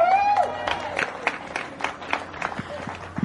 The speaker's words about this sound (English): And for our junior winner out here today, another round of applause for Maxim Direksh.